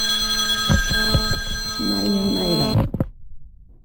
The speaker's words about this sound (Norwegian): Telefon ringer, du är populär dama.